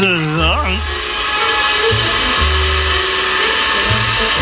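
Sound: vacuum cleaner running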